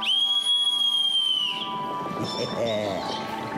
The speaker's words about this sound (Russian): Сейчас позову слуг. Видишь, вот серебряный свисток.